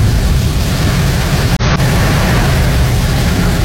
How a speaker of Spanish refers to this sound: un video con una lluvia bastante fuerte